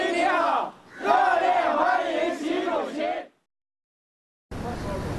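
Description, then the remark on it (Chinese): A crowd of local overseas Chinese and representatives of Chinese companies in India, waving Chinese and Indian flags, cheers and shouts loudly to welcome Xi Jinping as he rides from the airport to his hotel. Their voices rise and fall in unison before cutting off into silence and a final burst of noise. “习近平乘车从机场赴下榻饭店途中，当地华侨华人和中资企业代表挥舞中印两国国旗，热烈欢迎习近平到访。”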